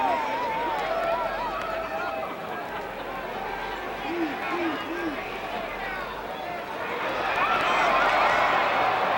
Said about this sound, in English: Well, everything's happening here, and the Coliseum is in an uproar. As a tag team match that's been going about 3 minutes, and about most of that time, just about everybody's been in the ring.